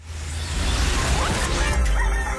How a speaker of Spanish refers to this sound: A la hora en que los gallos cantan